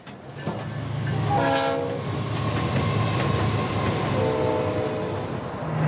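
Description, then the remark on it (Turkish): A passenger train rumbles steadily along the rails, loud, with two long horn blasts sounding over the continuous rolling noise. “Trene binebilirsiniz.”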